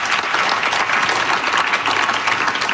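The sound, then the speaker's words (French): Steady applause from an audience, a dense crackle of many hands clapping at an even, sustained loudness for a few seconds with no voices standing out. “On vous applaudit assurément.”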